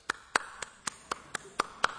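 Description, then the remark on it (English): A person claps their hands eight times in a steady, even rhythm, each clap sharp and crisp, at moderate volume, with no talking; presented as what clapping sounds like in Alaska. “And this is what clapping sounds like in Alaska.”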